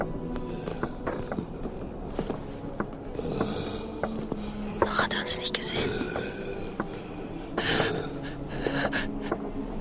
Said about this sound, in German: Eine massige Gestalt schob sich in den Türrahmen. Das Schnaufen erinnerte an ein hungriges Tier.